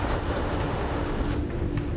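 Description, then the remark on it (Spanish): Stormy wind roars over crashing sea waves on the North Sea off Emden, Germany, in a steady, loud rush of noise, with gusts buffeting the microphone and a low engine-like drone underneath; a storm with a falling tide and headwind. “El mal tiempo y la tormenta llegaron antes de lo esperado.”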